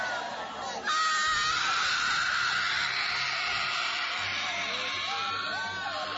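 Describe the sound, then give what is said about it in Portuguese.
An audience shouting in prayer to Jesus, casting out Satan: many voices burst into loud, overlapping cries and yells within the first second and keep up a continuous, frenzied roar, with high wailing voices rising above the crowd. “Vão expulsando, irmãos, vão expulsando. Grita para Jesus queimar ele.”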